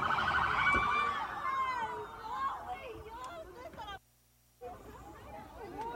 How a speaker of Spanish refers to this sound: A la par, ambulancias ingresaban y salían constantemente del lugar, así como unidades del servicio médico forense.